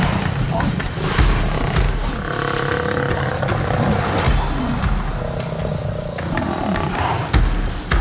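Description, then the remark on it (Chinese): Two male lions, brothers, roar loudly and repeatedly, deep rasping calls with drawn-out, throaty tones that overlap one another over a steady low rumble throughout, as they try to create chaos and scatter a herd of African buffalo. “狮子两兄弟首先要制造混乱，驱散水牛群。”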